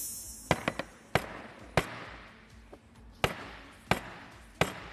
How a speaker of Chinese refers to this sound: 但是这个已经桌子已经被我砸出坑来了，有点损坏我们东方购物公物。砸出坑来了，自己亲眼看到吧，我不砸了啊，不能把我们的桌子给破坏掉了。